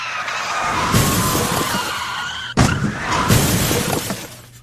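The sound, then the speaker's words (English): Loud tires screech and skid, broken by a sudden metallic crash and shattering glass, then another screech and impact follow in quick succession, intense with no talking. During a police chase, a truck pulls out in front of the chased car, and the car and six police cruisers are totaled. “You totaled a car and the 6 police cruisers, which is better than last month's incident.”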